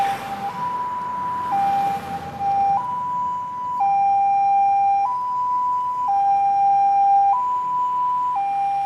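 The siren of an emergency ambulance from the Yi-ngo sub-district health promoting hospital in Narathiwat, Thailand, setting out to pick up a patient, wails in a steady two-tone hi-lo pattern, alternating about every second, loud throughout with faint road rumble underneath and no talking.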